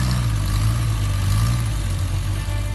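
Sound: classic car engine roaring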